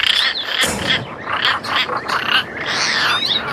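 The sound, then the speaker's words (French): A European roller calling: a string of harsh, raspy, croaking bursts in quick succession, loud, with no voices present. “Et je vous ai vu venir, je l'ai trouvé, son chant, mais alors, effectivement, vous allez voir, il chante aussi bien que moi, hein.”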